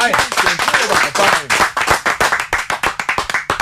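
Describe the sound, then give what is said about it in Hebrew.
A burst of applause with many hands clapping in quick, dense succession, loud, sustained for several seconds with cheering voices mixed in. “זו באמת, איזה כפיים.”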